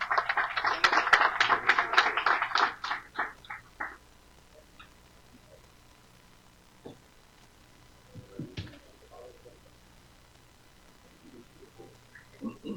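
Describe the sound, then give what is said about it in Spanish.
An audience at the Giro de Rigo event in Manta, Ecuador breaks into loud, dense applause for Rigoberto Urán that lasts a few seconds before tapering off, leaving quiet with only scattered faint noises. “Fuerte ese aplauso para Rigoberto Urán.”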